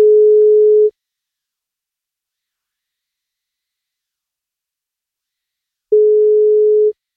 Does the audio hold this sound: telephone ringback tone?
yes